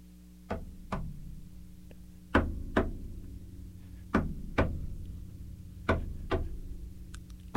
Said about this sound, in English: Repeated and repeatedly, again and again. Two knocks over and over.